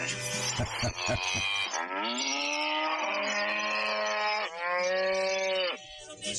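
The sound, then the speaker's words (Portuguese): Cows that are to be milked moo loudly, with long drawn-out calls, one after another. A short burst of clattering noise comes at the start. No one speaks. “Eu coloco essas vacas ali que eu tenho que ordenhar elas.”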